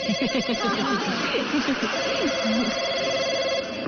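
A telephone rings steadily and fairly loudly with a bright, repeating electronic tone, while lively voices murmur and chatter underneath throughout.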